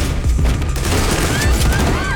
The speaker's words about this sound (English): A lot of gunfire.